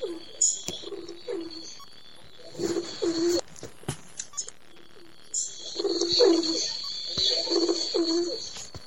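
Pigeons coo in low, throaty bursts that come in several separate groups, moderately loud, over a steady bright chirping or hiss in the background.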